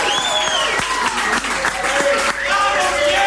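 A crowd applauds loudly and steadily, dense clapping filling the whole stretch, with cheers, shouts and a few whistles rising above it.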